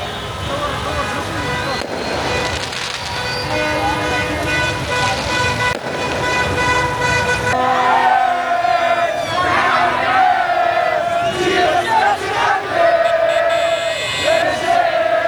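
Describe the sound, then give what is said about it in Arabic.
A crowd cheers and shouts in the streets of Rabat as car horns toot repeatedly over rumbling traffic, celebrating a win over the Netherlands and reaching the round of 16, a loud, continuous celebratory din with sustained horn blasts layered throughout. “طبعا في الرباط بعد هذه النتيجة احتفلت الجماهير في شوارع العاصمة فرحا بالفوز المثير على هولندا وبلوغ دور 16.”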